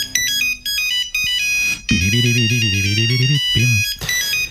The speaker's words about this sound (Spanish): Este sonido yo creo que a todos nos trae a la memoria. Ese Nokia 3310, el móvil indestructible. Aguantaba caídas de altura sin romperse y su batería podía durar semanas en modo de espera.